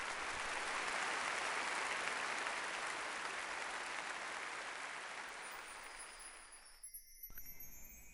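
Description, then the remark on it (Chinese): Thunderous applause from a large theater audience at a Qinqiang opera performance, as the scene 'Gui Yuan' (Ghost's Grievance) ends, a dense, loud wash of clapping that holds steady for several seconds, then thins and fades out near the end. “尽管如此，剧场里还是爆发出了雷鸣般的掌声。”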